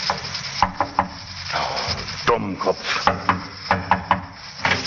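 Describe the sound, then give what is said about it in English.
Several sharp raps on the wooden door of a barber's shop in North London around midnight come in small clusters, distinct, over a steady hiss and faint rustling in the background. “He got out of the taxi and, after looking about very carefully, knocked at the barber's door.”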